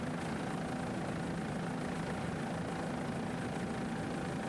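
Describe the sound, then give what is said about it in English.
The two 500-horsepower Mercury inboard engines of the Harwich Concrete Block racing boat idle steadily, a loud, continuous low rumble with a faint tonal hum running through it, with no voices. “This boat powered by two 500 horsepower Mercury inboards.”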